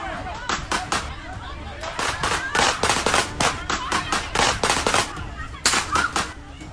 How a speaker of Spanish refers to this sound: La música se detuvo y comenzaron los balazos.